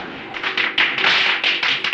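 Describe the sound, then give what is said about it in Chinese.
A rapid, continuous string of firecrackers crackles and pops, sharp bursts overlapping in a dense, loud rattle with no voices. “你怕鞭炮声音？”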